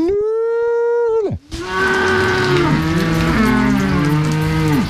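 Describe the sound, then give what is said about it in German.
A farmer gives a long, drawn-out mooing call imitating a cow and calf calling each other, to summon cattle on an alpine pasture, its steady pitch dropping at the end, then several overlapping low, wavering moo-like tones follow over a rough background. “wenn sich eine Kuh und ein Kalb zusammenrufen, klingt das ähnlich. Und wenn ich das rufe, dann gehen sie halt”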